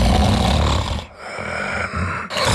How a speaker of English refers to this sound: Sound familiar? Don't ignore the snore. Snoring and tiredness could be a sign of sleep apnea.